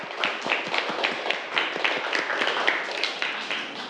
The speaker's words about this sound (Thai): ปรบมือให้กับเพื่อนเลยนักเรียนนะครับ